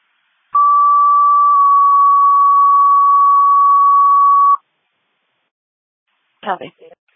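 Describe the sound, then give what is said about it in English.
A fire dispatch alert tone for a City Fire top alarm, sending Engine 1 and Rescue to an iPhone crash notification for a motor vehicle accident on Flower Ave West, sounds as one loud, steady, unbroken note lasting about four seconds, followed after a short silence by a brief clipped burst of radio voice. “Please fire the top alarm, Engine 1 Rescue, Flower Ave West, MVA, no personal injury.”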